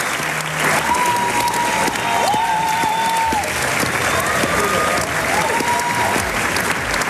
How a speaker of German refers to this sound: Das war der Schlussapplaus bei Salome, Opernpremiere im Theater Hagen am Samstag. Ist ein Stück, das bei vielen, hat man gerade gehört, echt gut ankam.